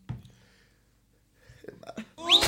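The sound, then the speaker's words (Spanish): A short, sharp sneeze bursts out loud near the end, preceded by a few faint breathy sounds and a brief quiet pause. “Salud. Bendición.”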